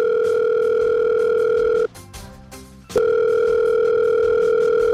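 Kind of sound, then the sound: signal or alarm, telephone dialing and ringing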